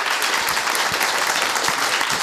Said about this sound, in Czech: Rozhlasovým posluchačem, abyste věděli, čemu teď tleskali diváci, já do toho vstoupím.